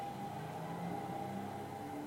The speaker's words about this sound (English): And this is what you hear. The street before the cars, after the cars, without the cars.